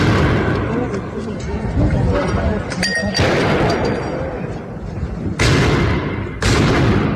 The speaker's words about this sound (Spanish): Durante la protesta, algunos manifestantes lanzaron piedras, petardos y dinamitas contra los uniformados, mientras que las fuerzas del orden respondieron con el uso de agentes químicos para dispersar a la multitud.